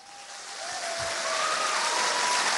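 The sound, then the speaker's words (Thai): A crowd breaks into applause welcoming Anucha Prathan, a dense, crackling wash of many hands clapping that swells steadily louder and keeps going without any voices over it. “เราขอเสียงปรบมือต้อนรับพี่อนุชาประธานครับ”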